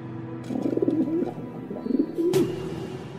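A dove coos in soft, low, warbling phrases, two rounded bursts of cooing, with a brief sharp noise near the end and quiet background hum.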